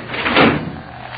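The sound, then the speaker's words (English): An elevator door slides open with a single rumbling, rattling swell that peaks briefly and then fades into a low steady hum, with no voices. “Open the elevator.”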